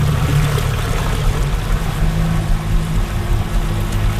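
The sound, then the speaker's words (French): A motorboat drones steadily across the water in an island archipelago, where the island of Providence is reachable only by boat; its low engine hum runs beneath a constant rushing wash of spray and waves, fairly loud throughout with no voices. “Puis c'est probablement aussi ce qui rend le festival aussi spécial, c'est de faire le spectacle sur une île qui est juste accessible, évidemment, par bateau.”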